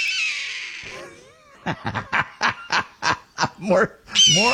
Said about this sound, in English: More owl music